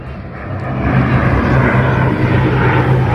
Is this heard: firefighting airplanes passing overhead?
yes